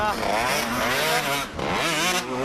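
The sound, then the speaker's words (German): A 125-class motorcycle engine revs hard on a race track, its pitch climbing and falling in repeated surges, with a brief dip before it roars up again. “Ich hab's Motorrad noch nicht lange und...”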